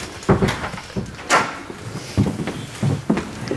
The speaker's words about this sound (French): Vous pouvez fermer la porte, là.